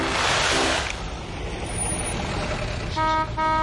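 A truck horn blares twice in quick succession, two short loud honks after a rushing hiss of traffic and engine noise; nobody speaks.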